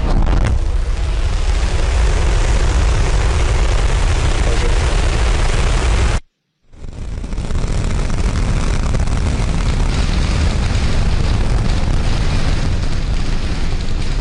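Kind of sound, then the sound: vehicle, rocket launch engine roar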